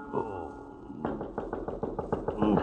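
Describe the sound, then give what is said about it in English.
A brief murmur of a voice, then a rapid series of about ten sharp knocks on a door on a train at night, evenly spaced and fairly loud, continuing to the end. “I am on my bed when I hear a knock on my door.”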